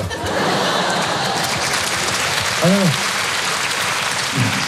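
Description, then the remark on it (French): A crowd applauds steadily, a dense wash of clapping from many hands that fills the room, with a brief vocal whoop or shout rising through it near the end. “Si vous applaudissez à quoi ça sert, on va passer une soirée exceptionnelle, faites-moi confiance.”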